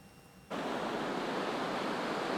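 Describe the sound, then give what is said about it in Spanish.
Ocean waves crash onto the shore at La Guaira, a few kilometres from Caracas, in a steady, full roar of surf that cuts in abruptly after a brief quiet start and continues unbroken, with no voices. “El mar es un alivio pasajero. Lo saben bien los surfistas de La Guaira, a pocos kilómetros de Caracas,”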